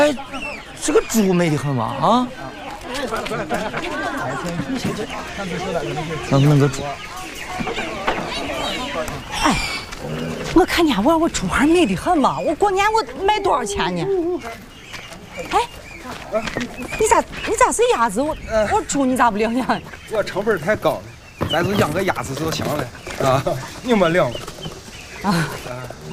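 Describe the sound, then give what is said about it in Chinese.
Chicks and ducklings cluck and peep in a busy farmyard that also holds sheep and pigs, a steady jumble of bird calls running throughout while several people talk over the top of them. “啊，我给你们看看哈，你看，小鸭、小鸡，那边还有那个羊和猪呢。”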